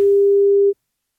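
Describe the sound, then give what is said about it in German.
A single steady telephone ringback tone of an outgoing phone call, one clean mid-pitched beep lasting about three quarters of a second, then abrupt silence. No voices accompany it. “wenn euer Handy oder Festnetz klingelt, es könnte Gong 96.3 dran sein”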